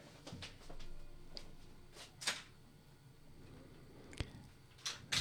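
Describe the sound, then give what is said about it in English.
A door is pushed shut amid scattered clicks and rattles, ending in a sharp, solid thud, with a few more light knocks after it against a quiet room hum. “Could you close the door?”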